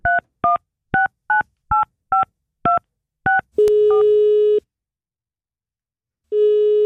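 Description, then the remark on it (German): Eight quick, evenly spaced touch-tone beeps as a telephone number is dialed to call an indie-pop band, then a steady ringing tone, a pause of silence, and the ring starting again. Clear, with no voices. “Da nehmen wir auch mal das Telefon in die Hand und läuten irgendwelche Indie-Pop-Bands an für euch.”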